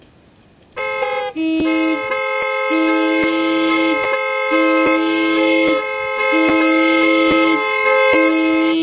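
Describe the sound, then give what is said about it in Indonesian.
A car horn blares almost nonstop for several seconds, loud, with a few brief breaks in the sustained harsh tone and no voices. “Kalau klakson ditekan terus, yang minggir bukan cuma kendaraan.”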